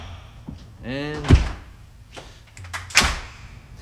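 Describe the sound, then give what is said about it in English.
Heavy feet stomp on the floor, two loud, booming thuds a couple of seconds apart, with softer knocks and people talking in between. “get some stomping on the go.”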